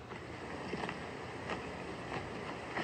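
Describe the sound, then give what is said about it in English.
A bison chewing: soft, regular crunching bursts about every two-thirds of a second, set against a steady windy hiss, with no one talking. “That's definitely bison chewing right there.”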